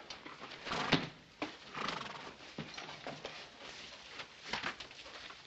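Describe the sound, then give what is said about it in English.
A horse whinnies while hooves clop in an uneven rhythm, with scattered thuds and shuffling around it; no one speaks. “Take care of your horse?”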